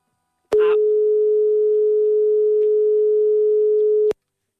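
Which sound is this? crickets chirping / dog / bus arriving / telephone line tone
telephone line tone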